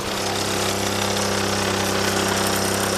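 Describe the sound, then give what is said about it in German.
A Solex moped engine in Delémont, started by lowering the motor, opening the throttle, pressing the decompressor and taking a running start, runs loud: a steady buzzing drone with a throbbing low hum that holds evenly throughout, with no voices. “Also, ich muss einfach den Motor runterlassen, Gas geben, den Dekompressor hier drücken, Anlauf nehmen und dann geht's los.”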